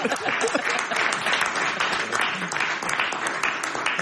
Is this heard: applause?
yes